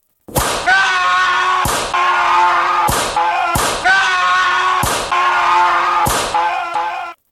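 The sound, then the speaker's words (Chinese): Whip lashes crack sharply again and again at a steady, unhurried pace, each loud snap cutting through a continuous mournful, tonal drone that carries on between the strikes; a flogging heard late at night from outside a window. “突然间向窗外面传来一阵阵的好凄凉的鞭打声啊。”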